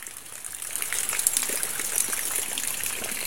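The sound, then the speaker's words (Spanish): Rainwater trickles and gushes steadily as it keeps raining, a dense, continuous splashing wash with scattered brighter drips, moderately loud, with no voices. “Ah, sigue lloviendo, ¿eh? Mira cómo escucha la agüitera.”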